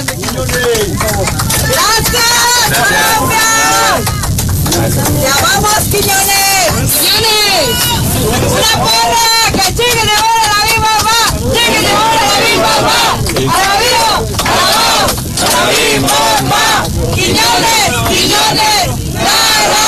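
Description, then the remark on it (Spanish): Passengers on a commercial flight cheer, whoop and clap nonstop for a Mexican national team football player standing in the aisle of the plane, a loud, continuous wall of excited voices and applause filling the whole stretch. “los pasajeros de un vuelo comercial aplaudieron y echaron porras al jugador”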